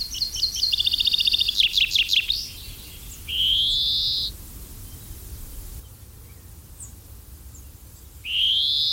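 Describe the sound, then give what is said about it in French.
A common chaffinch sings a quick series of bright, high notes that tumble downward into a short flourish. Two drawn-out, buzzy high calls follow over a faint low rumble. “c'est le pinson des arbres, qui était autrefois, il n'y a pas si longtemps encore, considéré comme l'oiseau le plus commun en Europe et en France.”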